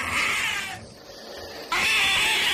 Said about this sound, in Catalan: Quan ja gairebé el tenia a sobre i ell es veia més morta que viva, l'òliba va fer un crit esgarrifós.